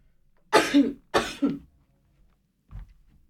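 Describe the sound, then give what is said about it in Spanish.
Two loud sneezes in quick succession, each a sharp hissing burst with a brief voiced tail, followed by a soft low thump after a short silence. “Ay, perdón, tenía que estornudar.”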